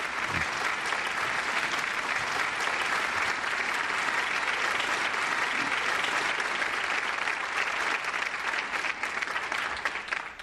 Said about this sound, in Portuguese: nessa questão do câncer de pâncreas, e os médicos levantam, aplaudem, alguns se emocionam, lágrimas.